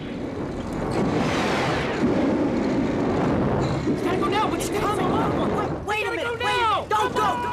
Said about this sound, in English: And then ignites the petrol pump and torches the old heist car. Bodie continues spraying liquid fire.